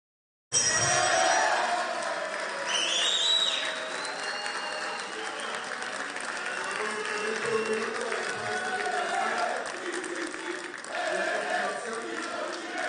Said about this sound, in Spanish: Con aplausos y cánticos, los diputados oficialistas celebraron el despacho del proyecto de reconstrucción nacional al Senado.